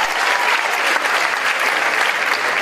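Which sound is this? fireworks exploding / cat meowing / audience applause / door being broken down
audience applause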